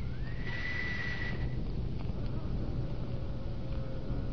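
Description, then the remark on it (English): A single whistle blast, blown to operate the electric lock of a burglar-proof door with no doorknob, swoops up and holds a steady, high, shrill tone for about a second before cutting off, over a constant low hiss and hum. “You see, the sound of the whistle operates an electric lock.”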